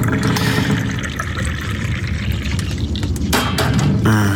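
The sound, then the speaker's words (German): Tea pours in a steady stream into a cup, a continuous gurgling splash with a rising tone near the end as it fills, and a faint clink of crockery. “So, noch eine letzte Tasse Tee.”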